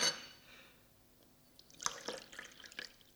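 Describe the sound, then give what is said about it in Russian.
Tea being poured into a cup, heard as a quiet splashy trickle at first, then a few brief drips and splashes near the end, with no talking. “Ну вот, вот и чай готов, вот, пожалуйста, сейчас вот, так.”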